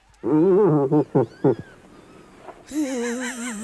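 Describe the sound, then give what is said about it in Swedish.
An irritated female moose (a moose cow) gives a string of loud, wavering moans: one long drawn-out call, two short grunting bursts, then after a brief pause a higher, sustained quavering bellow. “Nej, det är en irriterad älgko.”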